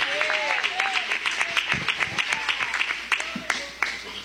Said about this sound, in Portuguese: Bate palma e dá glória, bate palma e dá glória.